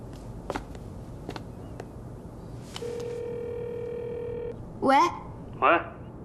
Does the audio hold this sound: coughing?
no